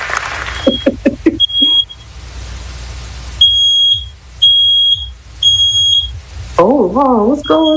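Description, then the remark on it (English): A fire alarm goes off with nothing happening, sounding in repeated loud, high-pitched electronic beeps, each held briefly with short gaps, over a low rumbling background; a wavering tonal sound joins near the end. “My fire alarm went off and there is nothing happening.”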